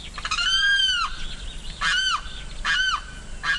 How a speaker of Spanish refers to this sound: Este sonido corresponde al canto del carrao y hace parte del proyecto A Ritmo de Pájaros de la Fundación Corocoras.